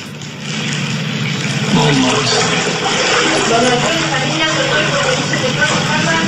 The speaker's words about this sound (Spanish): Oyen cómo caminan por el agua, sí, ok. Y todo ese es agua de coladero.